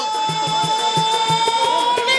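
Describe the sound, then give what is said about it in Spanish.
A motorcycle engine runs loudly and steadily, a whining mechanical tone over a regular throbbing pulse of low thumps, with no voices. “Recuerde que cuando escucha el sonido de la moto significa que vengo a regalarles la clave de hoy, juernes.”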